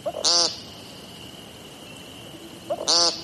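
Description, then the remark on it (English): Two loud, buzzy nasal 'peent' calls from an American woodcock, one at the start and one near the end, separated by a few seconds of quiet background with a faint steady hum. “Their brown and black speckles camouflage them perfectly until they sing, which sounds less like singing and more like yelling the word "peent" over and over.”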